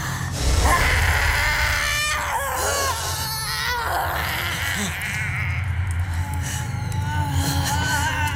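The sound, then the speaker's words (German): A loud, shrill, wavering scream rises and falls in several drawn-out wails over about eight seconds, with a steady low rumble underneath and no talking. “Das war ja wie der Schrei der Todesfee.”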